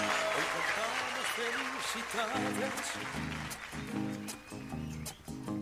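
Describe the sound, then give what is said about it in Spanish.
A crowd applauds steadily for several seconds for people celebrating their birthdays, a dense patter of many hands clapping, while voices speak or sing over the noise. “Otro aplauso.”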